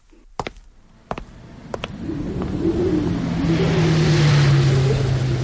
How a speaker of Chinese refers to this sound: 卡车在山路上爬行，卡车里的士兵们紧张地盯着周围的山岗和树林。